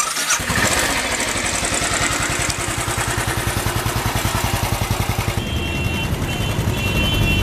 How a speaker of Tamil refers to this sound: Driver, jeep நிறுத்தியா?